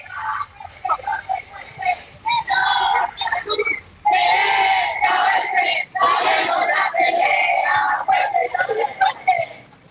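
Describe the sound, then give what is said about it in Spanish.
A loud crowd of student protesters with banners chants and shouts together outside the Portal Temuco shopping centre, rising, rhythmic bursts, voices overlapping into a sustained roar with brief dips between phrases. “Vamos a escuchar el audio ambiente de lo que ocurre ahora a las afueras del portal Temuco.”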